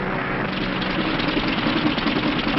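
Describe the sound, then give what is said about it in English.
An airplane engine with engine trouble drones loudly and continuously with a rough, uneven sputtering texture, filling the whole stretch without any voices. “Engine trouble, sir. We'll have to go back to the field.”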